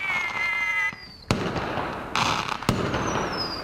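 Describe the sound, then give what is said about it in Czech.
Fireworks going off: a whistling rocket rises, then sharp bangs burst at about 1.3 and 2.7 seconds, followed by crackling and another descending whistle, fairly loud and with no talking. “Nejdřív měl jen takové milé využití na krásné ohňostroje.”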